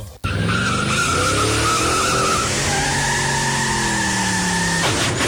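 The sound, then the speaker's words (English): A long, loud screech of car tires skidding on pavement, a sustained squeal with shifting pitch lasting several seconds before cutting off abruptly, heard alone with no voices. “If only he had brakes from the brake shop.”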